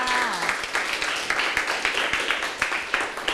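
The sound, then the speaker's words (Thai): A group of children in a classroom clap for a classmate who correctly answered the teacher's question, a steady patter of many hands for a few seconds, even in loudness, with no talking over it. “ใช่แล้วล่ะค่ะเก่งมากค่ะปรบมือให้เพื่อนค่ะ”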